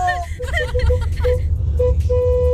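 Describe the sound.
A car horn from Osasco honks in a string of short, bright toots, then holds a longer steady blast, all over a low engine rumble with voices murmuring in the background.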